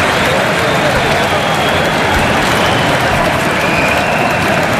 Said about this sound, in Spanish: Pues este aplauso es para él.